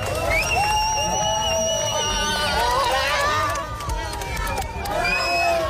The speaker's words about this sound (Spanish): La guipuzcoana le sigue un séquito habitual de amigos y de familia que la vitoreaba de esta manera al salir del agua tras caer eliminada en semifinales.